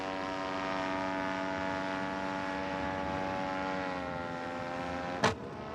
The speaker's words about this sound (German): Ein Krachen und der Motor ist aus. Ben muss notlanden.